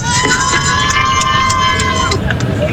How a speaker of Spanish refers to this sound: Ahí se escuchan los gritos de los marplatenses que están, pero como locos.